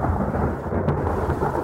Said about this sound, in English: The whole place rumbles. And you better believe we're rumbling. Listen, you can hear the thunder coming at you.